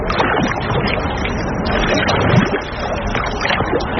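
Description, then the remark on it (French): Busy lakeside ambience on a large lake in the Orne, Normandy, France, with kayaks, water skiers and fishermen moving on the water; a steady, fairly loud wash of rumbling motor and splashing noise holds constant for a few seconds, with no one speaking. “Sur l'eau, ça bouge dans tous les sens. Des kayaks, des skieurs nautiques, des pêcheurs”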